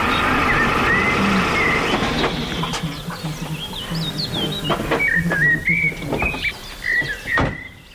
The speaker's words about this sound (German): Ranger Ulf-Gerd Damm kommt mit dem Pickup vorgefahren.